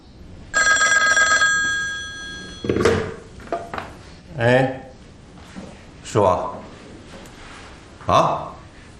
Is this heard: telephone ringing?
yes